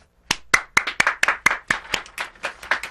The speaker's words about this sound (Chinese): 你说要用力拍拍手哈。